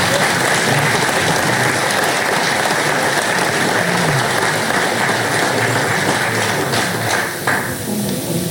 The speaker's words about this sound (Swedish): Då så. En applåd till er.